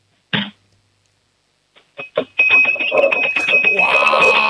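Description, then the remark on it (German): A five-year-old child strikes a spoon against a drinking glass to make noise: a few separate taps and then rapid, continuous striking that keeps a bright, high ringing tone going, with some background noise mixed in. “Na dann, hätte ich gesagt, du laufst jetzt mal in die Küche, sagst zu Mama, wir brauchen ein Trinkglas und einen Löffel. Und dann machen wir mal ein bisschen Lärm, wir zwei Hübschen, hätte ich gesagt, oder?”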